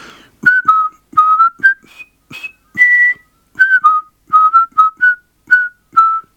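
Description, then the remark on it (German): A man whistles a lively tune through pursed lips, a string of short, clear notes in a bouncy rhythm, fairly loud, with soft breathy onsets and no talking. “Er spitzte den Mund und pfiff.”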